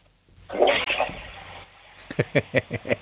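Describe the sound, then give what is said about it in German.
A household toilet flushes, shown during a sound game, in a brief, loud rush of water that fades within about a second, followed by a quick run of short, evenly spaced voiced sounds. “Dann lauf mal los und zeig mir deine Klospülung.”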